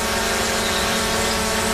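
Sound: drone buzzing in flight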